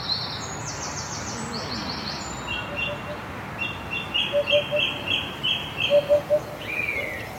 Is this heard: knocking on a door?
no